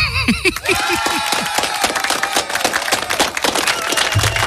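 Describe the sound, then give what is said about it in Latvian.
Steady applause from a crowd, dense clapping that holds at an even level for several seconds, opening with a quick run of falling, swooping tones. “Aplausi spermilādēm.”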